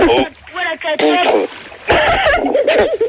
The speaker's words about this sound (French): Bon, alors qui c'est qui a un portable et qui s'amuse avec de la flotte là, depuis tout à l'heure? Ouais, parce que ça me donne envie de pisser.